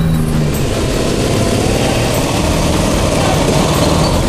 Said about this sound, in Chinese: 电驴子，打不打？ ， 团长，就一辆摩托车，